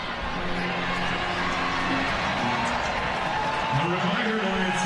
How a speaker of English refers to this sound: Nathan Rourke telling the crowd to be quiet now.